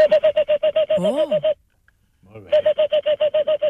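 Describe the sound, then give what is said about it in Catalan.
A person whistles a quick, evenly spaced series of short hollow hoots imitating the call of a Tengmalm's owl, fairly loud, broken by a brief vocal sound and pause before resuming. “I algun altre, com a mussol pirinenc.”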